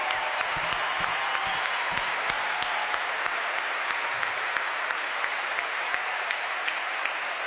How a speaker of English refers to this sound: And some of the directors and counselors are here tonight, so I'd love to give them a huge round of applause. Thank you. Thanks so much.